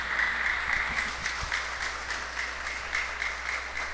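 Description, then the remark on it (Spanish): A crowd claps steadily, a dense wash of many hands filling the whole stretch at fairly even loudness, with no voices rising above it. “Felicidades, Yalimar. Aplausos.”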